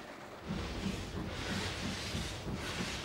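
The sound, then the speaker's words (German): A steam locomotive pulls away from Wernigerode in the Harz, Germany, on a scheduled daily steam service. Its steady chuffing exhaust beats repeat at a regular rhythm over a broad, continuous hiss of steam. No one speaks. “Ausfahrt in Wernigerode unter Dampf.”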